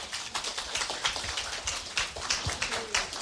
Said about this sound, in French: Donc ce que je vais vous demander, c'est de saluer les auditrices et les auditeurs de Radio d'ici en applaudissant hyper fort. Alors on applaudit hyper fort.